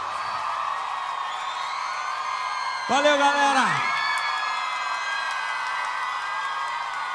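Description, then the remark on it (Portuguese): A crowd applauds and cheers steadily for the whole stretch, a dense, even roar with scattered shouts, while a man's voice briefly speaks over it partway through. “Aplausos”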